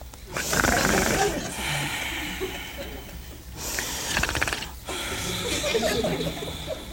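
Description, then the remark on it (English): A voice imitates Adam snoring while sound asleep in a retelling of the Bible story, with long, rasping, hissy breaths, roughly three drawn-out snores separated by brief pauses, fairly loud, with no clear words. “And he was snoring.”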